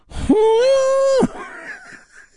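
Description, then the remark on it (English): The London Symphony Orchestra under Michael Tilson Thomas imitates an elephant's trumpeting in Stravinsky's Circus Polka with one loud, brassy, sustained blast lasting about a second. It scoops up at the start, holds steady, drops sharply at the end, then a faint tail fades. “That's supposed to be the sound of an elephant.”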